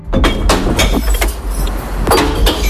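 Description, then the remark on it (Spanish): Glass bottles crash and clink as they tumble into a green glass recycling container, a quick irregular run of bright clattering impacts over a steady low rumble, with no voices. “Es el ruido, el sonido de las botellas de vidrio cayendo en el interior del contenedor de reciclaje, el verde.”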